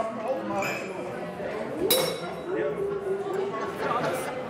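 Glasses clink together in a toast, a bright ringing tap near the middle and a lighter one later, amid the steady murmur of people chatting.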